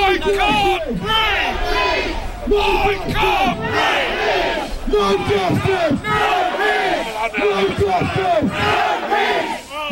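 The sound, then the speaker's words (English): A large crowd of protesters outside Southampton's Central Police Station chants and shouts together in loud, rhythmic bursts, many voices overlapping in a continuous roar that rises and falls for the whole stretch. “Protesters gathered outside Southampton's Central Police Station earlier.”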